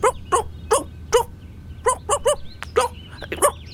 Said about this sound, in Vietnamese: Nè, mày chưa ngừng sủa phải không?